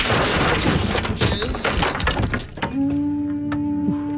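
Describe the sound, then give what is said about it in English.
A door of the Simple Pleasures Dojo on the Garner Andrews Show, Sonic 102.9, is kicked off its hinges: a loud burst of splintering, cracking wood and heavy thuds for a couple of seconds, then a steady ringing hum lingers as the debris settles. “It seems like a weird way to enter the dojo by kicking the door off the hinges.”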